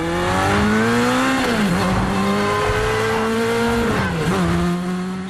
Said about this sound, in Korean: 에단이 다른 골목으로 우회전하자 옆골목에서 튀어나온 경찰차와 오토바이들이 에단을 바짝 추격한다. 경찰 차량들은 하나 둘 합류해 점점 수가 늘어나고 에단은 개선문 원형 교차로에 진입한다.